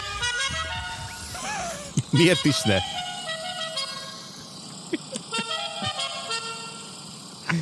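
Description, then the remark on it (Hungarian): A melodic car horn plays a short tune of several distinct tonal notes, loud, with a man speaking briefly over it. “miért csak egy hangú az a duda, miért nincs egy kicsit melodikusabb hangja, érdekesebb. Egyébként vannak ilyen dudák, és neked tudod, hogy mi jutott mindjárt eszembe a GTA 5-ot, bármilyen dudát tudsz igen, választani.”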